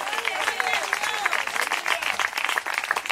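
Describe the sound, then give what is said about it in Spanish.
An audience at a worship service breaks into steady, sustained applause for God, dense rapid clapping from many hands filling the whole clip at a fairly loud, even level, with faint voices mixed in. “Y la gente así aplauso, así es para Él.”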